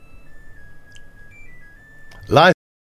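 A Samsung washing machine plays its end-of-cycle tune, a piece of classical music: a thin electronic melody of held, high beeping notes stepping up and down in pitch plays faintly over a low background rumble, then a brief loud burst of voice cuts in at the end.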